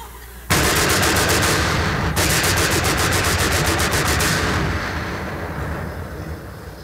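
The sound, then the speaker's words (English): Loud, rapid machine-gun fire erupts suddenly in two sustained bursts of closely spaced shots, with a brief break between them, then trails into a rumbling, echoing roar. “Somebody on the right opens up with a machine gun.”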